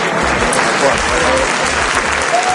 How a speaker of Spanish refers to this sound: Y fue así, entre aplausos, que llegaron al portal de su casa los manifestantes que han marchado desde la Puerta del Sol hasta el distrito del Retiro.